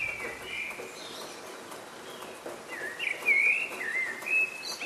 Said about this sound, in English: the sound of a bird's dawn chorus. Birds sing out like this in the early hours of the morning to let everyone know that they've made it through the night.